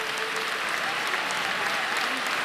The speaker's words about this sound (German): Immer wieder gibt es für die Kandidaten tosenden Applaus